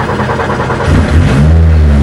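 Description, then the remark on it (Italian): A car engine turns over and catches, then revs up into a loud, deep, sustained roar that rises in pitch, with no talking. “Allora, proviamo ad accenderla? Lo facciamo in diretta, sentite che rombo.”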